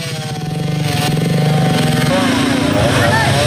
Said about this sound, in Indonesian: Pemadam Kebakaran dan Penyelamatan Kota Parepare bersama BPBD memotong batang pohon menggunakan gergaji mesin agar bisa segera dipindahkan dari tengah jalan.